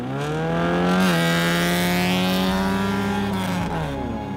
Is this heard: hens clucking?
no